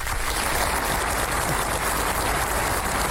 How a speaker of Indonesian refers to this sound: Tepuk tangan dulu semua.